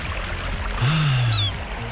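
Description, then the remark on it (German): Steady rushing surf fills the background while a single seagull cries out once in the middle, a drawn-out, slightly descending call rising clearly above the wash of the waves. “Die Wellen. Und die Möwen, wenn Sie das alles bei uns hören, dann ganz schnell SWR4 anrufen.”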